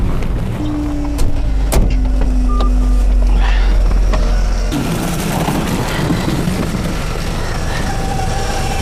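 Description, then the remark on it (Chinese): A low, steady vehicle drone hums for several seconds, then abruptly gives way to a rougher, fuller engine roar that keeps running to the end, as a stalled car being towed in third gear by Hemu police station officers starts up. No one speaks. “好，您先开个加速吧，我挂个三档。”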